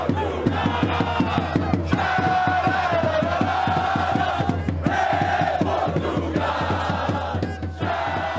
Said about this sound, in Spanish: Vea y escuche el ambiente que están armando los seguidores portugueses en las calles de Houston, Texas.